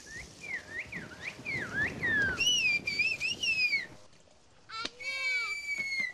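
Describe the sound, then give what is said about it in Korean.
A whistling-language expert in Kuşköy whistles loudly without using their hands, a fast run of sliding, swooping notes in shifting pitches, over a low murmur of background noise. “손도 안 대고 자유자재로 붑니다.”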